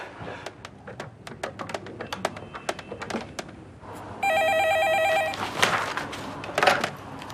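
A quick run of sharp clicks, like a number being dialed, gives way to a steady electronic telephone ring lasting about a second, followed by handset rustling, as a factory official phones to try to get a report withdrawn. No one speaks.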